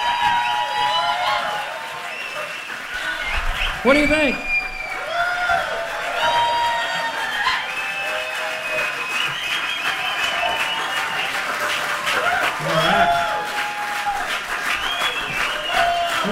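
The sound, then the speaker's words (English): An audience applauds steadily for about sixteen seconds, a dense, even patter of clapping mixed with cheers and high whoops, while a voice briefly speaks over it. “A big round of applause.”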